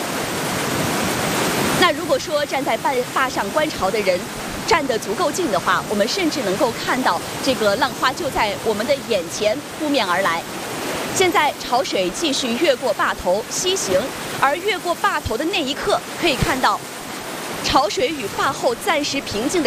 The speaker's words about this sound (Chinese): 但今天潮速加快，折子格外有劲。可以看到，有一些浪花在击打了坝身之后，最大的浪头已经飞溅起来，高出了坝身，白色的水花在半空中炸开。